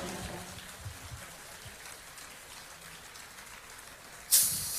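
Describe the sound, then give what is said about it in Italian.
An audience at the Primigenia competition applauds a contestant in a dense, steady patter of many hands, a soft crackling wash that continues throughout, with a sudden brief louder burst near the end. No one speaks. “Ancora un grande applauso per Bambina!”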